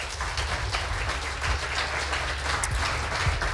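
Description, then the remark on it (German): A crowd applauds steadily for three performers after their readings, a dense, even wash of many hands clapping at once with a low rumble underneath and no voices standing out. “Bitte noch einmal Applaus für alle drei.”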